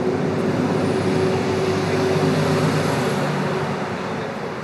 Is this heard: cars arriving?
yes